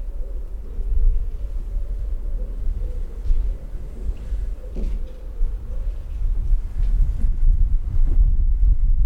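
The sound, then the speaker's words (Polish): Steady low wind rumble buffets a microphone covered with a windshield outdoors, a continuous muffled roar with gentle gusts rising and falling throughout, no voices present. “Tu już jest trochę wiatr.”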